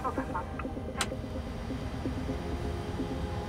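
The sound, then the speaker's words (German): An aircraft's number one engine spools up as it is started, a steady low rumble with a faint mechanical whine, broken once by a brief sharp click. The sound stays even throughout, with no voices. The aircraft is 75 metres long. “Engine number one start.”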